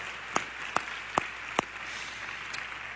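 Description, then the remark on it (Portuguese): Congregation applause for the Lord during a service at Igreja Cristo Vive comes through as four sharp, evenly spaced claps, then one fainter clap, over a steady hiss. Nobody speaks. “Vamos dar um lindo aplauso ao Senhor.”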